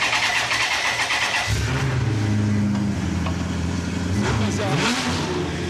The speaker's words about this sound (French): T'as le logo Maserati sur le moteur. Donc ça fait 400 chevaux, t'as la boîte F1 au volant avec les palettes. Tu fais tourner, ça fait vraiment un bruit de Maserati. On peut faire tourner.